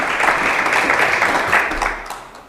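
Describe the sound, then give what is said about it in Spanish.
A live audience at the Onda Viajera radio show, broadcast live from Valladolid, applauds with dense, steady clapping, holding strong for a couple of seconds before starting to fade toward the end. “Le voy a pedir al público un fuerte aplauso para el señor Belloso por esa pequeña masterclass que nos ha hecho hoy de historia aquí en Onda Viajera, en directo desde Valladolid.”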